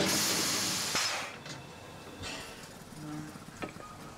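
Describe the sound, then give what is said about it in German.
A historic steam locomotive, just arriving from Bad Doberan, releases a loud burst of hissing steam that fades after about a second, followed by quieter rail noises and a few faint metallic clanks. “Die historische Dampflok kommt gerade aus Bad Doberan.”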